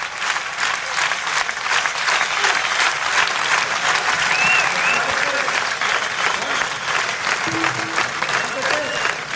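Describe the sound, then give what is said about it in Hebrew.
Sustained, loud applause from a large standing crowd at the Ein Gev Festival, broadcast on Galei Tzahal, a dense steady patter of many hands clapping throughout, with faint cheers and voices rising briefly over it. “כולם כאן עומדים, מוחאים כפיים.”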